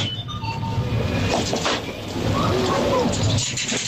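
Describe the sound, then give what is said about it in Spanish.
Mechanical clicking and rattling from a coin-operated vending machine dispensing food and soft drinks, the clicks coming as a product is selected, with metallic clinks of coins dropping through it over a steady whirring hum, loud and continuous throughout. “Una máquina de dispensar, sí, alimentos, refrescos, ¿no? De vending, hechas pero con monedas.”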